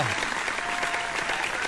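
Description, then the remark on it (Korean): Steady applause from an audience welcoming a DJ fills the whole moment, a dense wash of many hands clapping at an even level, with no talking over it. “박수로서 저 … DJ를 환영해 주셔서 감사드립니다.”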